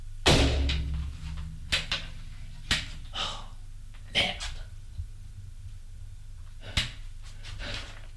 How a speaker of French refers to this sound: Une porte s'ouvre.